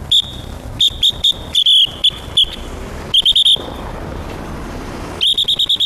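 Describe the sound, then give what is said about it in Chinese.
Sharp, shrill whistle blasts in quick bursts, some single, others in rapid trills, ringing loud over a low rumble of street traffic, blown by an auxiliary traffic police officer directing traffic at an intersection in Jiaxing, China. “在路口执勤路过的群众啊，说我指挥交通的话干脆利落，声音嘛干脆响亮，对待车流量急促，对待行人轻柔，像鸟叫一样的。”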